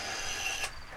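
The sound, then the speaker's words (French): A telephone dial whirs with a steady mechanical ratcheting as someone dials a phone number, fairly quiet, ending in a short click as the dial returns; no voices. “Je vais téléphoner au Dupont et Dupont.”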